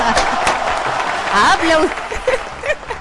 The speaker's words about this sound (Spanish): ¡Otro aplauso! Bueno, ¡otro aplauso! Claro. ¿Cómo estamos con los aplausos, no?